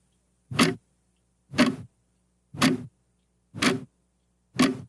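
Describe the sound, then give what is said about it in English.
A clock ticking steadily in an empty room, five distinct, fairly loud ticks about one second apart, each with a slightly drawn-out knock, set against near silence with no voices. “The sound of a ticking clock in an empty room.”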